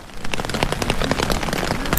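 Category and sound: nature, rain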